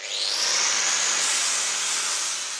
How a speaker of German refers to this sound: Los geht's in einer Werkstatt in Potsdam.